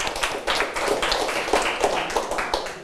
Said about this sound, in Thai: ครับปรบมือให้กับเพื่อนด้วยครับ